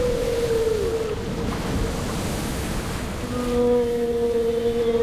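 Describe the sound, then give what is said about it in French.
A loud, steady roar of rough, raging sea water churns around a boat approaching the coast, unbroken throughout, with sustained humming tones drifting in over the surf toward the end. “Mais plus la baleine poussait, plus notre bateau s'approchait des côtes et plus la mer, gonflée de rage, rugissait, luttait.”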